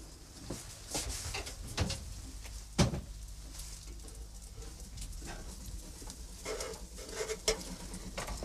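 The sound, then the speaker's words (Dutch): An oven door opens with a solid clunk, followed by faint rattling and a quieter shut a few seconds later, as cookies baking in the oven are checked. “zal nog eventjes checken nu in mijn oven hoe dat daar zit met die koekjes.”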